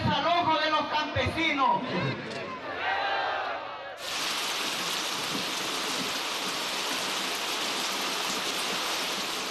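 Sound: rain falling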